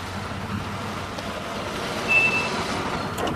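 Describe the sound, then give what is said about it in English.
A car driven by Ferris's mom rolls slowly to a stop in her driveway, its engine rumbling low and steady, with a single short high-pitched beep partway through. “Later, Ferris's mom pulls up in her driveway.”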